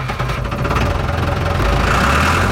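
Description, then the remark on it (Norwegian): A tractor engine idles steadily while the tractor is filled with tax-free diesel at a farm in Ilseng, a low rumbling chug with a constant vibrating drone that holds even throughout, with no voices. “Vedum fyller avgiftsfri diesel på traktoren sin hjemme på gården på Ilseng”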